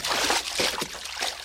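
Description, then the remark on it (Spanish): Rough sea waves slosh and churn in a steady rush, with a few heavier surging splashes breaking through, loud, no voices. “¡Qué grandes están las olas!”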